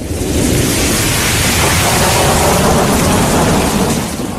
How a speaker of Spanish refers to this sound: El trueno la despertó y ya no fue capaz de volver a conciliar el sueño.